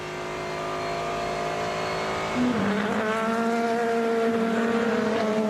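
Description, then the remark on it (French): The leading GT3 race cars, Lexus, roar past, a steady high-pitched harmonic whine that jumps in pitch and grows louder partway through, then holds a sustained, buzzing drone with no voices. “Allez, avec les voitures de tête du GT3, Lexus.”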